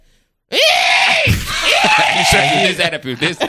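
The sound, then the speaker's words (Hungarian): A person imitates a hooded crow's caw with a loud, harsh, raspy vocal cry, drawn out for about two seconds with a brief break midway, then trailing off into laughter. “Egy dolmányos varjú, úgyhogy egy csirke mérete van. Add a varjú hangot.”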